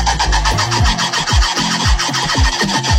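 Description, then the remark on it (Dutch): A red ruffed lemur, up a tree near Artis zoo in Amsterdam, calls in the morning in a loud, harsh, rasping chorus: rapid repeated pulses, roughly two per second, each ending in a low, dropping grunt. No one speaks. “Een buurbewoner dacht al dat er iets speelde, want die hoorde vanochtend het opvallende geluid van die half aap. Ja, ze kunnen zo geluid maken.”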